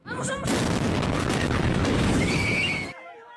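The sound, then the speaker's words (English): A sudden, powerful explosion at a military maintenance depot in Bolivia erupts into a roaring, crackling blast that fills a couple of seconds before cutting off sharply, preceded by faint high-pitched cries or voices. “An explosion at a military maintenance depot in Bolivia has injured at least 58 people.”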